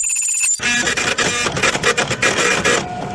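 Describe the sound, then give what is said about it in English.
A small printer prints out a note from the randomizer: a brief high electronic tone, then a loud, steady mechanical whirring with rapid stuttering pulses for about two and a half seconds, with no voices. “All right, so the link here, a little note that's been printed out by the randomizer.”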